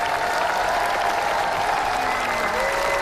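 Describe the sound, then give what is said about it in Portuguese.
A large audience at the Cannes Film Festival applauds the Spanish film El Ser Querido by Rodrigo Sorogoyen after its screening, an ovation lasting seven minutes: a dense, continuous wash of clapping at a constant loud level with faint crowd murmur, no speech over it. “O filme El Ser Querido, do espanhol Rodrigo Sorogoyen, é aplaudido durante 7 minutos no Festival de Cannes.”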